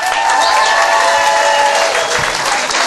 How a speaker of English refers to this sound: Also, how about a round of applause for your wait staff?